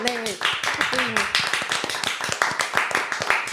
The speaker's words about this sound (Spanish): para la que hoy pido un fuerte aplauso.